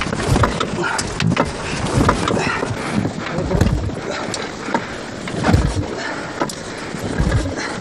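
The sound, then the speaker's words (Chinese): A boat engine on an icy, frozen lake being cranked over and over in cold wind, giving uneven mechanical knocks and clattering bursts without settling into a steady run, amid constant outdoor wind noise. “先把发动机能不能打着火？”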